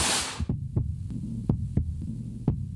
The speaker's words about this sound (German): Das ist das Herzrasen eines Soldaten im Gefecht. Irgendwo an der 1000 Kilometer langen Front in der Ukraine.